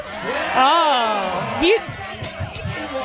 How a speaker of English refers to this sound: Da-da-da-da-da-da-da-da. The whole crowd is chanting it.